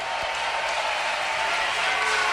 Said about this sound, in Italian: Fai rumore Brescia che non t'ho capito. Grazie raga, fatevi un applauso, siete i numeri uno, è una bomba essere qua stasera.